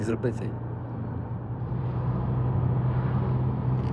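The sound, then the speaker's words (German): A steady, low engine drone with road rumble, as heard from inside a moving car with a normal manual gearbox, holding an even level throughout after a few brief clicks at the start. “selbst zu fahren. Mit einem normalen Schaltgetriebe.”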